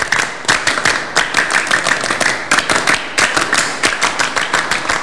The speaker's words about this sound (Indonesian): Dua kali tepuk Pramuka.